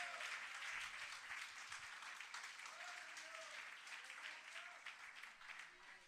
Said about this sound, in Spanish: Dele palmas de alabanza a nuestro Dios.